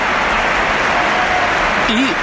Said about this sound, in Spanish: Tercer cambio en el Real Madrid. Primero Gonzalo. 16, Gonzalo. Aplausos.